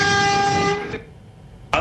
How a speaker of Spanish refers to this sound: aquí un conductor de la empresa municipal de transporte de Madrid que te escucha. Y ahora una dedicatoria de bocina, mira.